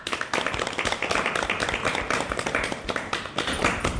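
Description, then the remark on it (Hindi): A group claps steadily for about four seconds to welcome adolescent girls at a programme, a dense, continuous patter of many hands at fairly even loudness, with no voices over it. “सभी किशोरियों को स्वागत करते, सबके लिए ताली बजाओ।”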